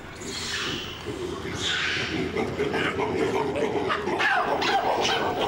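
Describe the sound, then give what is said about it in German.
A troop of baboons in a zoo enclosure at Hagenbeck's Tierpark screaming alarm calls at a foreign object, harsh barking shrieks overlapping one after another as one starts and the others join in, in a loud, continuous chorus over a noisy outdoor background. “Irgendeiner fängt an und schreit Alarm, Hilfe, und dann machen alle mit.”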